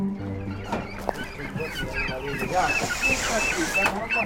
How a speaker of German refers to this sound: Ein alter Lieferwagen parkt am Straßenrand. Hühner, Enten und Gänse drängen sich in kleinen Käfigen auf der Ladefläche, kritisch beäugt von 3 Geflügelfreunden.